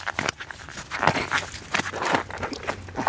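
Rustling, scuffing sounds of a shoe being pulled off by someone in a wetsuit at a car park in Helsingør, water pouring out of it, with soft thumps and crinkly friction noises in an irregular rhythm, moderately loud and without any talking.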